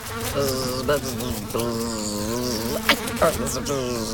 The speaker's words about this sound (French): Ah, je la vois. C'est une mouche. Oh, mais attention, tu te cognes à la fenêtre de la cuisine.